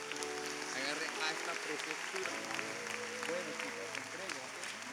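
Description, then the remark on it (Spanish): A church audience applauds the Lord after a prayer dedicating children, steadily for several seconds, a dense, even wash of clapping that never lets up, with voices speaking and calling out over it. “Vamos, más fuerte ese aplauso al Señor.”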